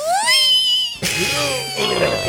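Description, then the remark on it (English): A voice imitates a dental drill with a high, nasal whine that rises sharply and holds, then breaks into a rougher, buzzing whine for the remaining second or so. “does a pretty good impression of that drill.”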